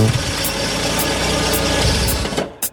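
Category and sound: vehicle, car engine idling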